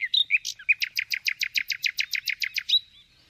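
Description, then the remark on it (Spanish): A common nightingale sings alone: a few varied whistled notes, then a fast, loud series of about fourteen identical sharp notes repeated evenly, ending with a brief whistle. “Y pasamos ahora al ruiseñor, el mejor cantante de las riberas. Su canto lo conocéis e identificáis a la perfección.”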